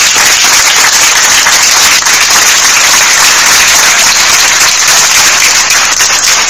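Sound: round of applause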